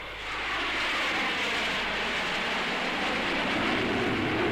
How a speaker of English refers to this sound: Hello, what's that? Heavy aircraft in our sector?